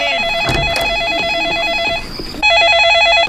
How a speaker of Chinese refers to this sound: 哦，大概是妈妈打电话来了，妈妈，爸爸，你去接电话了。